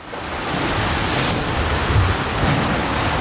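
sea waves heard

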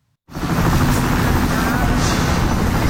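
military helicopter flying

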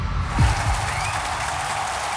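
applause

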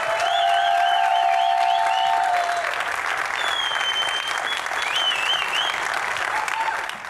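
audience applause and cheering

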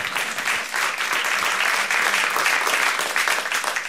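audience applause

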